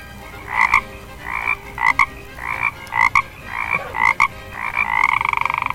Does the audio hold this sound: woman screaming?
no